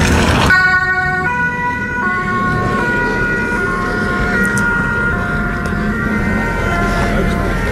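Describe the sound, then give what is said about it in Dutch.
Tyres screech loudly as Lennart speeds off in a car, a sustained high, whining squeal that shifts pitch in steps over a steady engine rumble, with no voices. “Lennart gaat er met gierende banden vandoor.”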